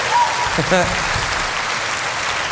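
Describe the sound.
An audience applauds steadily, a dense wash of clapping that holds at an even level throughout, with a brief voice calling out early on.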